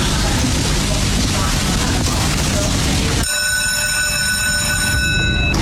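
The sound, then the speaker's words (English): A mechanical greyhound lure (the hare) running along its rail at the start of race 7 at Dunstall Park: a loud, steady rushing roar, then a sharp, sustained high-pitched mechanical whine that cuts in abruptly partway through and holds to the end. “So the hare is on the move for race 7 at Dunstall Park.”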